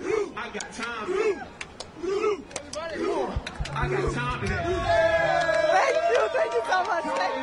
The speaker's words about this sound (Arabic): النرويج تعود بعد 28 عام لهذا المونديال تقدم مستويات رائعة. مشهد رائع للجماهير النرويجية التي أتت لتؤازر هذا المنتخب.